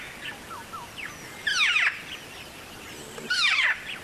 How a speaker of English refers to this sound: So I think it's a black-faced cuckoo shrike. I teach my students that call as the ray gun. The ray gun call. Oh, that's to me, good. It's like, wah, wah, wah, wah.